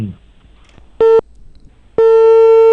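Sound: telephone ringback tone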